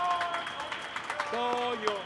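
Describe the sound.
An audience at a show applauds a person with dense, steady clapping for about two seconds, moderately loud, while sustained voiced sounds ring out over the claps.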